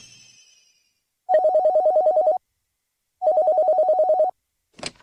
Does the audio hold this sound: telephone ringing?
yes